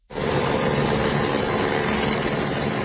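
A rescue helicopter's engine and rotor roar steadily and loudly as rescuers arrive at a hydroelectric plant after a flash flood on the Nepal-Tibet border, a dense, unbroken wash of mechanical noise that starts abruptly and continues without any voices.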